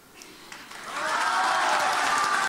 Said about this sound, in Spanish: Palabras que han arrancado el aplauso del auditorio.